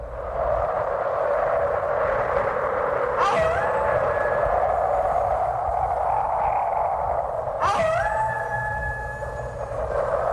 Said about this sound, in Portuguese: Aqui estamos eu e você no meio da ventania e dos lobos uivando.